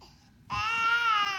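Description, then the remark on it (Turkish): A baby bursts into a loud, sustained wail after a brief quiet moment, the cry strained and high-pitched, without any talking over it. “O da abi bebek. Hadi ama delirdin mi? Bunu sadece yapamazsın. Sadece sesini kesmeye çalışıyordum.”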